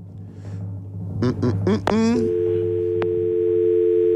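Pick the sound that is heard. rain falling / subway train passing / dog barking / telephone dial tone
telephone dial tone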